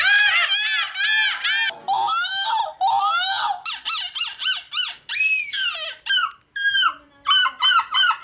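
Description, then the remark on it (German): Contestants at a European seagull-imitation championship in Belgium imitate seagull calls, a loud, continuous run of shrill, squawking cries in quick bursts with brief gaps, several overlapping like a crowd of mimics. “Ganz im Gegenteil zu den Teilnehmenden der Möwen-Nachmach-Europameisterschaft in Belgien. Da hört sich das Ganze nämlich ungefähr so an.”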